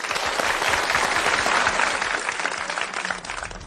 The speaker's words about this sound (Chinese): 我们掌声欢迎。